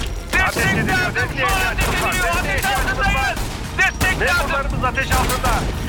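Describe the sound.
Repeated sharp gunshots crack out in irregular bursts over a loud, constant rumble, with shouting voices rising and falling among the shots, as police officers come under fire.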